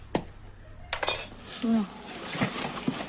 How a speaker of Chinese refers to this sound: 原本松散的盐已经凝结成了块状，只能用工具一点一点地敲打。